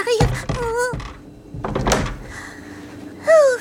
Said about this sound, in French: Ferme vite la porte! Elle arrive!